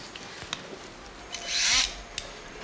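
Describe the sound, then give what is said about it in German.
A surgical saw cuts into bone during an operation to remove a shattered bone zone, in one short, shrill, rasping burst lasting about half a second, surrounded by a few faint clicks and handling noises. “Von der Ischämie-Zeit her können wir mit dem Knochen anfangen. Dann legen wir los. Entfernung der Trümmerzone. Säge.”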